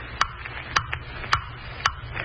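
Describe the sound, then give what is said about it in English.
A clock ticks steadily, four sharp, evenly spaced clicks roughly half a second apart, distinct over a low, murky background hum. “Ticking. Stop ticking. I hear you, blasted clock.”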